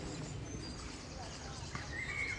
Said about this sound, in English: Listen to the birds, it's lovely.